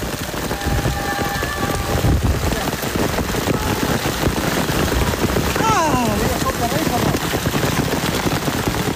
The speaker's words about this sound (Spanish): la tremenda granizada que arreció sobre los ciclistas justo antes de afrontar la subida final